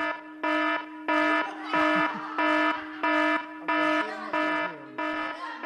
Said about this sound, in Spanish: Va a sonar la alarma de evacuación, chaval. Van a tener que ir los bomberos hoy ahí.